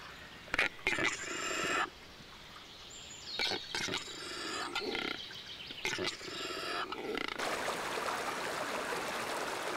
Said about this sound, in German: Der Quellbach stürzt über kleine Wasserfälle zu Tal. Mehrere Bäche vereinigen sich im Harz zur Oker.